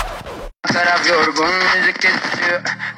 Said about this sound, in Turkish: Senin de kulaklığından böyle cızırtılar geliyorsa vedalaşma zamanı geldi.